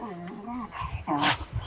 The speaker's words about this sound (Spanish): El perrito. El perrito al fondo.